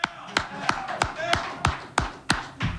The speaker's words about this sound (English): We clap for Jose. I know a lot of you guys can't because you're in the media and you got to be neutral, but I'm going to clap for Jose.